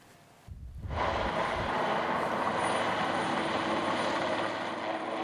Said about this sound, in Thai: ส่วนที่เซอร์เบียค่ะเฮลิคอปเตอร์ดับเพลิงจากหลายชาติสมาชิกสหภาพยุโรปรวมไปถึงโรมาเนียแล้วก็สโลวาเกียช่วยกันตักน้ำจากทะเลสาบเพื่อนำไปดับไฟป่าที่กำลังเผาผลาญพื้นที่เขตอนุรักษ์ธรรมชาติเดริบาสกาเบชาราทางตอนเหนือของเซอร์เบียนะคะ